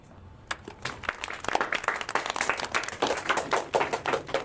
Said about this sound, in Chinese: 啊，好，就这些，大家鼓鼓掌。